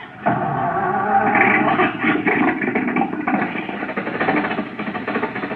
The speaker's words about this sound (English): The motor's going. Back the car out of the garage.